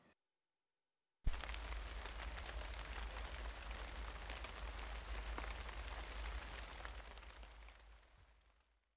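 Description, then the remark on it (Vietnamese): Light rain patters steadily with a soft, dense hiss of countless small drops, starting abruptly and fading out gently near the end. No voices are present. “Trong tiếng Nhật thì chúng ta có thể dùng từ para para để chỉ một cơn mưa nhẹ.”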